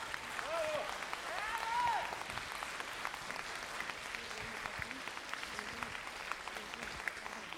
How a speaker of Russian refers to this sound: Спасибо за такие аплодисменты добрые.